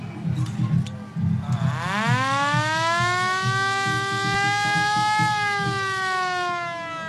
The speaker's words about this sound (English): Just a little warning to people who might be triggered by a bit of war siren sound.